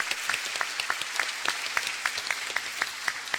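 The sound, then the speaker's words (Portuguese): An audience applauds steadily to welcome the staff of Imater, standing at a ceremony honoring organizations: a dense patter of many hands clapping at a moderate level with sharp individual claps standing out, and no voices over it. “Sejam sempre bem-vindos, acolhemos o pessoal da Imater com uma salva de palmas.”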